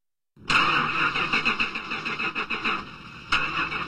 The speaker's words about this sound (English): Ah, this is so frustrating. That's the 5th time this car refused to start. I think it's finally time to replace it.